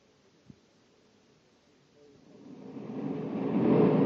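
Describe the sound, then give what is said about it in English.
A spaceship landing effect: a low, noisy roar rises out of near silence and swells steadily louder over the last couple of seconds, as Corey's spaceship lands by a shack. “Corey's landing right where I figured he would.”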